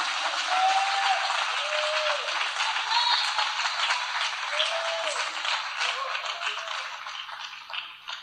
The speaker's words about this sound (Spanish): Dele un aplauso más tremendo al Rey de Reyes y Señor de Señores. Come on. A Él la honra, a Él la gloria, a Él la alabanza. Él está aquí. Dele un aplauso al Señor Jesucristo.